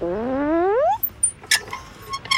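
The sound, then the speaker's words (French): A long, drawn-out creak from a green park swing as Toudou climbs onto it rises steadily in pitch for about a second, then gives way to a few short, sharp clicks and knocks. “il y a les balançoires vertes qui grincent quand Toudou monte dessus.”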